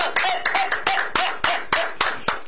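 Applause in the form of steady, rhythmic hand clapping, roughly ten crisp claps at an even pace, fairly loud and with no voices over it.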